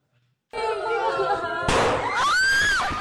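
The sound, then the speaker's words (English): A sharp, loud gunshot bursts out amid a chaotic din of shouting, panicked children, followed by high-pitched screaming that rises and falls; video of a school shooting at a primary school in the central Philippines in June, where two teenagers shot and killed three students. “A loud bang. And another.”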